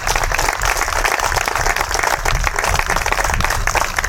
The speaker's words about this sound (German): Zur Siegerehrung der diesjährigen Vorrundengruppe Süd der Landesmeisterschaft der Werkstätten für Behinderte Sachsen-Anhalt. Erstmal einen großen Applaus an alle. Waren tolle Spiele, super Tore dabei.